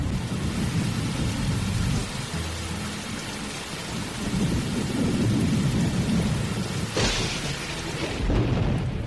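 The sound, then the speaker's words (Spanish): Heavy rain pours steadily while deep thunder rumbles throughout, with a sharper crack near the end. A loud storm with no voices. “¡Ya llegó la gran tormenta!”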